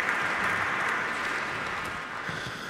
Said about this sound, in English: One day I'm going to insist that the applause from the Minnesota audience is going to go on a CD as well. Because it's really amazing.